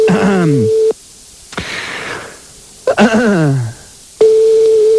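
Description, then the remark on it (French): A steady, mid-pitched telephone line tone sounds, cuts out, and returns near the end. In between come hissy bursts and falling, sighing sweeps, as a McDonald's phone number is dialed and the call connects. “Allez, on y va, on compose un autre numéro de téléphone de McDonald's, c'est très sympa, ça aussi.”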